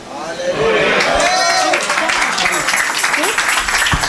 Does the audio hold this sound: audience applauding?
yes